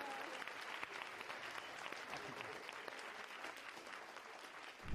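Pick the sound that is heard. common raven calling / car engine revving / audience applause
audience applause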